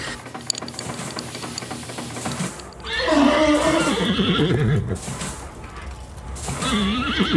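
A steady mechanical rumble gives way to horses neighing loudly inside a railway wagon, a long quavering whinny followed by a shorter second one near the end, with no one talking.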